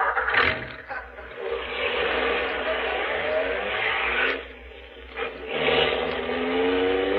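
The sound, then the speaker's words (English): A car engine roars loudly, revving and accelerating with a rising whine as it chases another car, easing off briefly twice before surging again in a steady, gritty drone. “Get closer.”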